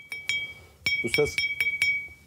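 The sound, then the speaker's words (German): A fired clay pot, fresh from a potter's kiln in Cappadocia, is tapped about six or seven times to check its quality, each knock giving a bright, high, sustained ring. The taps come at an uneven pace, clear, with a brief murmur in the middle. “Dieses hohe Klingen gibt es nur, wenn das Gefäß perfekt gebrannt wurde.”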